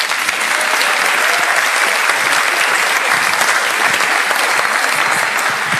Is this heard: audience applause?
yes